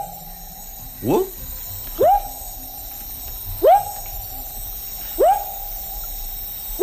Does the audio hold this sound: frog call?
yes